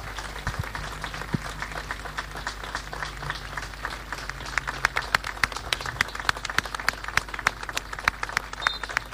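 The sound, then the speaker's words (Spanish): Sustained applause from a large crowd before a football match, a minute of applause in memory of Danielito Pucela, a dense wash of clapping with sharper individual claps standing out and growing more prominent over the nine seconds. “Aquí tenemos ya la formación y llega el minuto de aplauso en la memoria, en el recuerdo a Danielito Pucela, nos sumamos también.”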